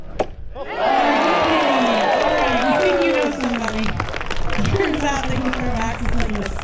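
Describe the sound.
A single sharp thwack, then a crowd bursts into loud, sustained cheering, with many voices whooping and shouting over scattered clapping that stays strong to the end.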